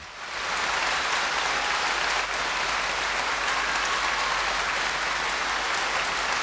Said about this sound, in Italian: Gli applausi sono tutti per il grandissimo …, live in London, 1968.